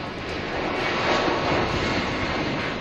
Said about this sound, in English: That's the sound of their plane taking off from the Canary Islands this morning. It's due to land in Bagotville, Quebec this afternoon, where passengers will be put on a second plane bound for British Columbia.